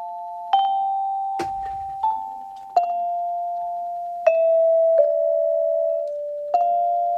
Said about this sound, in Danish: Radioen var på det tidspunkt det eneste elektroniske medie i danskernes hjem. Og her i 1946, der var det velkendte radiopausesignal en fast del af lyden i dagligstuen.